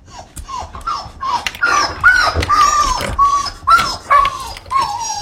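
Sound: husky dog barking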